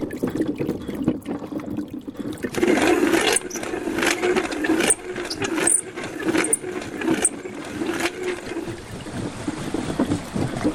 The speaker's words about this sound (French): au moulin de Saouzas, le moulin à farine fonctionne avec cette roue. La roue est sous le moulin, donc il n'y a pas besoin d'engrenage pour envoyer la force. C'est relié à la meule en pierre, en fait, c'est ça ? Directement, oui.